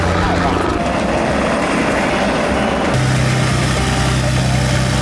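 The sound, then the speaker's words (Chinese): Aircraft engines roar loudly and steadily at an airport with many planes, where a fixed-wing flight is booked, a continuous propeller-like drone filling the whole stretch, its tone shifting slightly partway through as the engine note deepens. “不是预约了那个固定翼的飞行吗？ 对。 哇，这好多飞机啊！”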